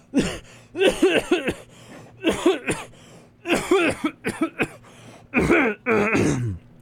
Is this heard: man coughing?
yes